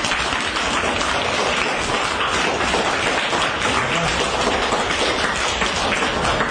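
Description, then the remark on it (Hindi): A group of school children at a school programme for Radio Madhuban claps steadily, a dense, even crackle of many hands that stays at the same strong level for several seconds with no voices over it. “अरे वाह, ताली बजाओ।”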